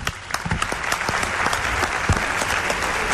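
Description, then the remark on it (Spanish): A steady burst of audience applause for a doctor who is present, many hands clapping densely and fairly loudly for a few seconds, continuous without pause and no voices standing out. “Un aplauso para él.”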